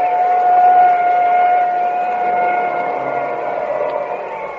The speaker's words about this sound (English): Now there goes the ambulance.